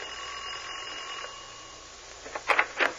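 A doorbell rings near the end in a few quick, bright, bell-like bursts, following a stretch of steady, quiet background hum. No one speaks.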